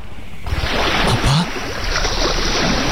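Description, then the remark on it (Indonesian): Sea water sloshes and laps steadily around a boat, a loud, continuous wash of churning waves that swells in suddenly and fills the whole stretch. “Kenapa kau membawa aku ke laut”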